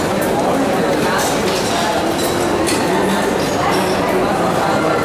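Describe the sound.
Glasses clink together a few times in a toast, bright taps cutting through a dense, steady crowd hubbub with indistinct voices murmuring throughout.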